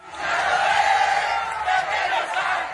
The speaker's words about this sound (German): Das Spiel ist abgepfiffen, die Fans der argentinischen Mannschaft kommen aus dem Jubel nicht heraus, als die zwei Nationalspieler Lisandro Martinez und Giovanni Lo Celso einen mutigen Schritt gehen.